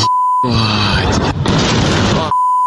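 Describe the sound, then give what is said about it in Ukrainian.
A loud explosion roars for nearly two seconds with a harsh, rumbling blast and a strained, groan-like quality, framed by a steady electronic beep tone before and after, during a massive Ukrainian drone attack on the port of Novorossiysk on the night of 12 August. “Холодильник відкривається просто, щоб ви розуміли, яка взривна волна.”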